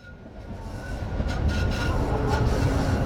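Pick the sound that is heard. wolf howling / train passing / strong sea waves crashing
train passing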